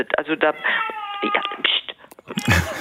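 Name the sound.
cat meowing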